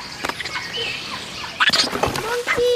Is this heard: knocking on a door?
no